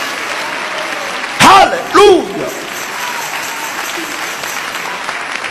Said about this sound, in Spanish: Dale ese aplauso a Jesús, aleluya.